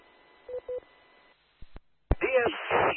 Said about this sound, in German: Also ich höre hier das Relais mit so einem leichten Grundrauschen, aber es kommt kein zusätzliches Rauschen, wenn du da sprichst.